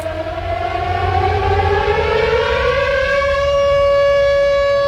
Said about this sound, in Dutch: Dit is het VPRO-programma Het Gebouw op Hilversum 2. U hoort een sirene. Dat is geen toeval. Vandaag immers neemt het kabinet Lubbers het besluit om in Nederland 48 kruisraketten te plaatsen.